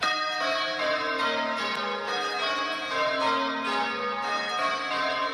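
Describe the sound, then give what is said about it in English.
Church tower bells of the Bathurst Bell Tower, rung by bell ringers, ring out in a continuous, overlapping peal, bright metallic tones sustaining and layering over one another at a steady, fairly loud level with no voices. “The ABC's Murray McCloskey went along to speak with the bell ringers and see, well, and hear them in action.”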